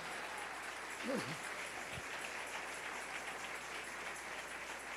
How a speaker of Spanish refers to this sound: Dale ese aplauso al Rey en esta hermosa mañana.